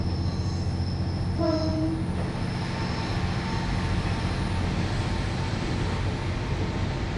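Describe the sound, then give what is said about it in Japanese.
A JR Gonō Line diesel train rumbles steadily along the sea coast at Fukaura, Nishitsugaru District, Aomori Prefecture, Japan, heading for Todoroki station, its heavy low-pitched drone continuous throughout, with a brief high tonal squeal or horn-like note rising early on. No voices are heard. “青森県西津軽郡深浦町、 JR 五能線のディーゼル列車が海に沿って走ります。”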